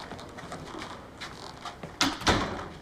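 An office door is pushed shut near the end, a quick pair of solid clunks rising out of quiet, with soft background murmur beforehand.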